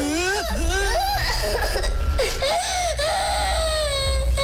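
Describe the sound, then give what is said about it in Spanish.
A voice imitates a child's crying with wailing, quavering sobs that rise and fall continuously for several seconds, loud and close, with no other speech. “Y el niño seguía llorando.”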